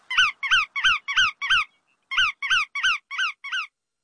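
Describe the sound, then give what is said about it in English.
Bar-tailed godwit calls: a series of sharp, nasal notes repeated in quick, even rhythm, five, a brief pause, then five more, clear with no voices. “Other shorebirds shape up like this for migration, too. But none travel as far as the bar-tailed godwit.”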